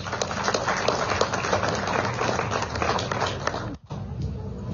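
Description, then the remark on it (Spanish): A crowd applauds Eduardo Yucra, executive of the Federación Especial de Zonas Tradicionales Yungas del Chapare, at an event with President Evo in Villa Tunari, Cochabamba: dense, overlapping clapping that stays loud and sustained, breaking off for a brief moment near the end before picking back up. “Para quien pido, por favor, un fuerte, fuerte voto de aplausos.”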